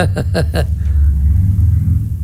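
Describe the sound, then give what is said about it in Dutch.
Deep, heavy engine rumble of a few heavy motorcycles passing by outside the building, with a few quick revving bursts at first before settling into a steady low drone, muffled as if heard through a building wall. “Ja, er zijn een paar zware motoren die zeg maar, het gebouw hier voorbij gescheept.”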